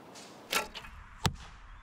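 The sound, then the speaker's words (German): A bow releases with a sharp whoosh, followed moments later by the solid thwack of an arrow striking a target, both clear against a quiet background. “Sind ja zum Glück noch ein paar Pfeile da. Nicht einfach mit dem Bogen zu treffen, aber scheinbar süchtig machend.”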